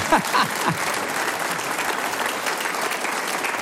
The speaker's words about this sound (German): schau, die Dame klatscht. Extra für dich, glaube ich, gell? Stimmt. Sie dürfen alle klatschen.